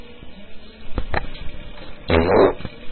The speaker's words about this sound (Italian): Ah, hai ascoltato un peto in diretta. Ah, che bello.